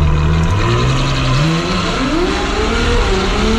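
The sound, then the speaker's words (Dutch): A powerful Ferrari petrol engine roars loudly and revs up, its pitch climbing steadily through rising gears, continuous with no voices. “En daarvoor krijg je niet dit gebrul.”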